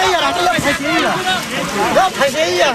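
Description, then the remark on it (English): Rushing spring water churns steadily while villagers moving through the stream shout and call over one another during a fishing festival in Kashmir, loud, with no pause across the stretch. “In the middle of the rushing water and shouting crowds, a villager lifts his basket and shouts, "I caught it today.”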